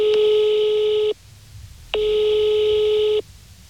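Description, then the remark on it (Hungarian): Two long electronic ringback tones from a telephone line as a caller phones a foundation's board chairman, each about a second and a quarter, separated by a short pause, steady and fairly loud with no voices. “Bajor Gergő kuratóriumi elnököt csak telefonon sikerült elérnem.”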